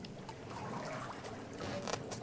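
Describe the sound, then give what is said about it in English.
Water sloshing and lapping in a bathtub as a man sits in it, an actual analog recording: a steady wash of splashy noise with small gurgles and drips scattered through it, and no voices. “And you know that it's actual analog recording of water. It isn't some, like, synthy meditation app kind of sound of water.”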